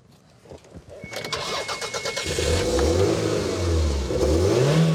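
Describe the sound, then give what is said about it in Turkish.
A car with a sunroof and tinted windows is started during a look-over: the engine cranks with a rapid series of starter clicks, catches, then roars into a loud, steady rev whose pitch swells and dips with throttle blips, with no voices. “Sesini duyma şansın var mı? Çalıştırabilir”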